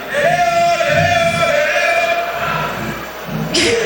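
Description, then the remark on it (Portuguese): Organized football supporters cheer and chant together for the World Cup in a loud, steady roar, their sustained sung notes blending into a continuous wall of sound, with a brief hissing burst near the end. “Isso é uma torcida organizada, né, para a Copa?”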